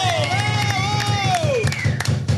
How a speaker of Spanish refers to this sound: Y he ahí los del staff, para los que pido un aplauso fuerte.